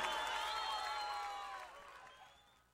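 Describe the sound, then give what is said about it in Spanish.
A crowd cheers and whistles with overlapping shouts, loud at first and steadily fading away over a few seconds, with some applause mixed in. “Las manos en el aire, aplauso para muchísimas la gracias.”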